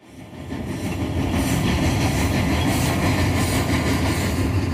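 A train rumbles along railroad tracks through the bush, swelling in over the first second and then holding a loud, steady roar with a faint rhythmic clatter of wheels. No voices.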